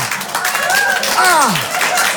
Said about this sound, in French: Ah! Ah! Ils applaudissent ça, les fous! Oui, les couilles bleues!